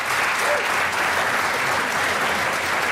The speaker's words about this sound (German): So, wenn du dich umdrehst, was siehst du da? Die Band! So, ja, wunderbar. Man wird klatschen, herzlich natürlich.